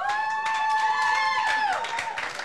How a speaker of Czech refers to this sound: Potlesk pro ně, prosím.